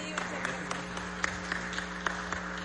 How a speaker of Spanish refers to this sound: Un fuerte aplauso, por favor, para nuestro ganador de la categoría Alta Cocina, repetimos, Casa Reina.